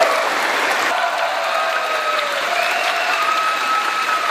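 A large theater audience breaks into sustained applause, a dense, loud wash of clapping holding steady throughout, with faint crowd voices woven into the roar.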